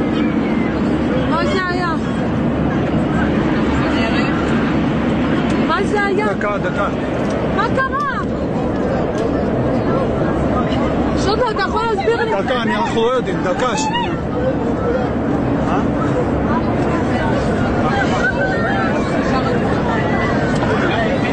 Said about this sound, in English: In a minute, you'll hear them scream when the plane starts to drop again. It's frightening. Sounds like a roller coaster.